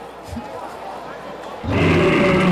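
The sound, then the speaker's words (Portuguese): A loud, rumbling lion roar bursts in abruptly partway through a football match broadcast, following a stretch of quieter background murmur and voices. “O Julião, sai dessa jaula, Leão. O Julião. Cadê o Leão?”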